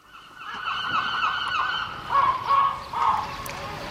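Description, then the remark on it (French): Seagulls calling loudly at a harbour, a drawn-out chorus of cries followed by three short, sharp squawks in quick succession, over a steady wash of outdoor background noise. “Les vagues, les mouettes, les bateaux qui s'alignent, les ports sont des lieux de transit pour les marchandises, les voyageurs.”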